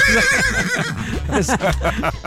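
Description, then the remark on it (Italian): A horse neighs loudly, a shrill whinny sliding down into rapid, fluttering snorts over a couple of seconds. “una signora fan ovviamente, ha chiamato il suo cavallo …”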